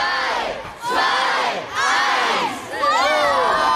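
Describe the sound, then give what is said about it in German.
A crowd of 30 pupils of the Ratsgymnasium in Bielefeld cheers and shouts excitedly as they launch their own weather balloon into the stratosphere, in loud, rising waves, with high-pitched whoops swelling three times over a few seconds. “Da geht es richtig hoch her.”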